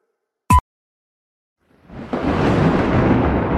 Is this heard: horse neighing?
no